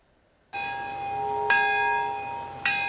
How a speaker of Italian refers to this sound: Il rintocco della campana della pace, il minuto di silenzio alle 11.02, l'ora esatta della bomba atomica su Nagasaki, 3 giorni dopo quella di Hiroshima.